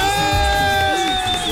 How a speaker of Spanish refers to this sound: Aplauso, aplauso, aplauso.